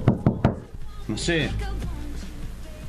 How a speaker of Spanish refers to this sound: ¿Y tenés que golpear la puerta? No, podés golpear la puerta. Estuve recién y me olvidé algo.